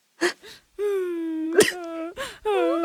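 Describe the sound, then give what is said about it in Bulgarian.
Soft, whiny whimpering from a voice at an office desk: a few short breathy sniffs and bursts, then long, drawn-out nasal moans with a wavering, slightly rising pitch, moderately loud and with no words. “Леко скоблъчене и леко хленчене.”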